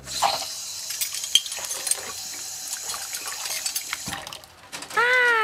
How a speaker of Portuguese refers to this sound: Ah, olha só. Esse menino tá lavando louça. E ele gosta de fazer isso.